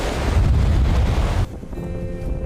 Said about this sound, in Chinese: 我们现在呢就在蚂蚁岛的西北侧，顺着我手指的方向可以看到山石林立，海浪好像激起来的浪花也比较高，但是随着我转过来，哎，可以看见我脚下的这个鹅卵石滩就连接着身后的灵山哈。当然这条小路现在已经被两侧的海浪给掩盖住了哈，白白的浪花让大海变得特别温柔。